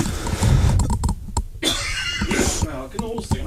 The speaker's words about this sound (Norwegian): Sånn, måtte bare hoste litt sånn bak. Vi har ikke sånn luksus her vi ute som hosteknapp.